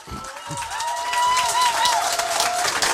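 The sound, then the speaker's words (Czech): An audience at a festival applauds to welcome a guest to a Czech Radio stage, in a dense, steady wash of clapping that holds at an even loudness for about three seconds. Faint tonal, voice-like sounds run underneath. “Přivítejme prosím i za potlesku”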